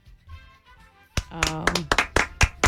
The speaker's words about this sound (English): You get a golf clap for that one. Good job. Good job.